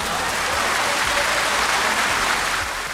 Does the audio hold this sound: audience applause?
yes